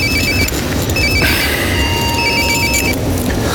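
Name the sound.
telephone ringing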